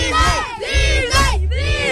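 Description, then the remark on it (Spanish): A group of children shout "Disney" together on a count of three, their high voices loud and sustained, rising and falling in about three swelling waves, like a collective cheer. “Vamos a gritar Disney todos a la de tres.”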